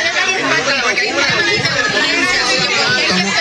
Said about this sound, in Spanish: Allí fue recibido por un grupo de ciudadanos con pancarta que a su salida de la vista comenzaron a gritarle.